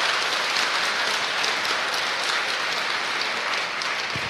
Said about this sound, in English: We have a radio audience with us tonight joining us across the network, so let's give them a round of applause so they know somebody's in the auditorium here.